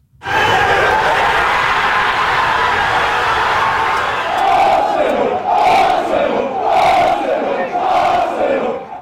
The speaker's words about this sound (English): Crowds lit flares and led chants in the streets of North London as Arsenal clinched its 14th English title overall.